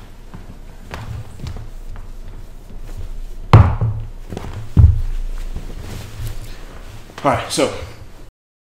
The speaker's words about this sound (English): I'm going to sit on Father Rutledge's chair. I just gotta move it back.